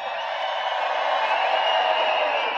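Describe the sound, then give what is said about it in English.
A large festival crowd cheers and roars in a steady, loud wash of noise that holds at an even level for a few seconds, with no single voice standing out. “Make some noise for yourselves.”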